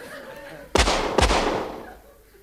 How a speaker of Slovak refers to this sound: Asi nepočul, že to strieľate do neho, pane. Skúste ešte raz.